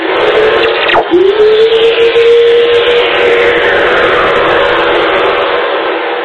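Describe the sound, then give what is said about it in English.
Lightning radio waves known as Earth whistlers, released out into space when lightning strikes on Earth: a sharp crackle of static, then a long, pure whistling tone that glides downward in pitch over a steady bed of loud, hissing radio noise. “This is lightning. Well, the sound lightning makes in outer space.”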